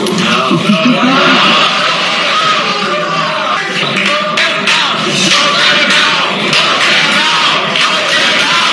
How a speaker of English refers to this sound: A packed crowd got rowdy, urging city leaders to hold back on data centers until they set safety standards and improve transparency.